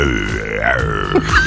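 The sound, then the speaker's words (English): A person imitates a tiger's growl with one rough, guttural, drawn-out rumble, low and raspy with a wavering pitch, lasting about a second and a half with no other talking. “That's a tiger, man.”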